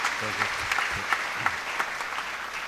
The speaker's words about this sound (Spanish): Entonces, vamos al menos dar un aplauso por su mamá y por su familia.